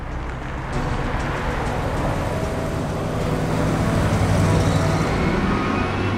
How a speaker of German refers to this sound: Hier ist gerade ein schwarzer SUV vorbeigekommen.